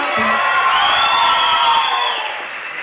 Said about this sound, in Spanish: Aplauso más para Santa Sabina.